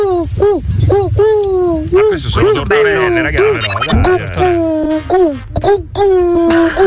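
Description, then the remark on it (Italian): Several people on Radio Globo imitate an owl, repeating rising-and-falling hooting calls one after another, sometimes overlapping, loud, with a few spoken words and laughter mixed in. “Ci potete prendere il rumore originale del gufo, ragazzi? Così almeno dopo mettiamo un attimo a confronto.”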